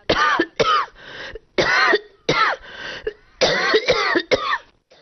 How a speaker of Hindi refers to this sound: खैर, उसने दरवाजे को जोर से धकेला तो बरसों की जमी धूल उस पर छिटक कर गिर पड़ी। चलो, किसी ने गले लगाकर स्वागत तो किया। वो हंसा तो धूल मुंह में घुस गई और वो खांसने लगा।